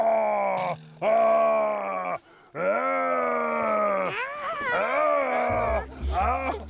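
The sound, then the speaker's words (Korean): A man voices a long, rough, growling groan in imitation of a bear, several drawn-out bursts with brief breaks, loud, ending with a low rumble in the background. “나 곰이야. 아시고 곰이라고 생각해봐.”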